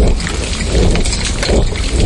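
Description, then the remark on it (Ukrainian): Heavy downpour rain pours steadily for the whole moment, a dense, loud, continuous hiss and rumble, with no pauses and no one speaking. “Замість дзищання дронів до шуму ливневої зливи майже одразу починають домішуватися розриви артилерійських, дуже часто реактивних снарядів.”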